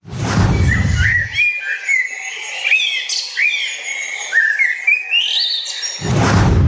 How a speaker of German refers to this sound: Und auf Platz 1 gelandet ist die Amsel.